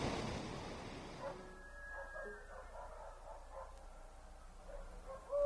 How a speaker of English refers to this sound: Huh? What was that? What's that noise? Those are chickens. Roosters. And dogs. And something else.